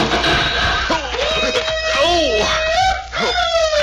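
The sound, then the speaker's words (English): A pup whimpers, a run of thin, high, wavering whines that rise and fall almost without pause over a steady background hiss. “Well, now, what's the matter, pup? What you looking at?”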